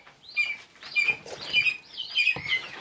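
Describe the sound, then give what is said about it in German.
Falcon chicks at the Falkenhof Potsdam call out in a rapid series of shrill, high-pitched cheeps and squeals, overlapping in uneven bursts with no talking. “Sobald die Küken fliegen können, müssen sie die dann in unseren Wäldern selber fangen.”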